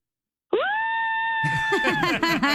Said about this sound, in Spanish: ¿puede gritar para promo? Sí, claro, grito. Okay, otra vez.